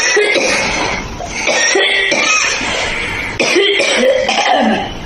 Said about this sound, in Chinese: 五段咳嗽的声音，大家选一选，哪一种咳，大家觉得相对来讲比较严重？ 我认为是第一种。 第一种好像是干咳。